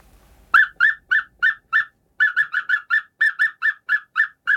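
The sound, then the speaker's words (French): A person imitating the call of an African cuckoo perched in a baobab in Benin at midday: a rapid run of clear, whistled notes repeated at a steady pace, pausing briefly before a second, longer series. Fairly loud, with no talking. “Alors c'est un coucou africain qui fait une espèce de son...”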